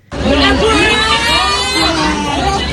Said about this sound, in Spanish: Gritos, cantos y sobre todo una protesta común. Los estudiantes del Liceo Gutenberg de Créteil, a las afueras de París, se unieron a la jornada de bloqueos y manifestaciones convocada en Francia para pedir unas mejores condiciones para sus estudios.